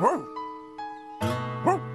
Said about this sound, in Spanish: ¿Por qué está ladrando Clifford?